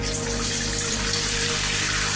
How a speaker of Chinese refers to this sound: 好，先倒水啊。